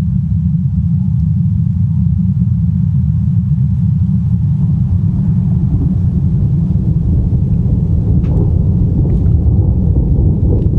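Thunder rumbles low and heavy, a loud, continuous roll that fills the whole stretch without easing, with a few faint crackles near the end and no voices.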